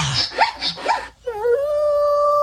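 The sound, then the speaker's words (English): A wolf gives a quick series of high whimpering yips, then breaks into a single long, steady howl that rises slightly and holds. It sounds clear, with no talking. “I think that's a wolf. A wolf.”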